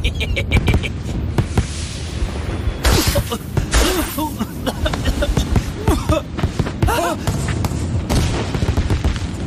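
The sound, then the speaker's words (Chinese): A rapid barrage of fireworks bursts with booming blasts and crackling pops, continuous and loud throughout, with whistling tones rising and falling between the explosions. “快看，烟花开始了。”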